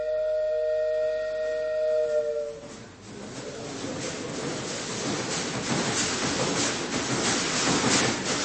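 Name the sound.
train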